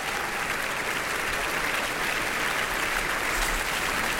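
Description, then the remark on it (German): Sustained, vigorous applause from a large audience after the opera Saint-François d'Assise, as director Romeo Castellucci and his team come on stage and bow; a dense steady wash of clapping at even loudness throughout, with no voices standing out. “Ist doch ein schöner, heftiger Beifall für ihn, soweit ich das hier hören kann.”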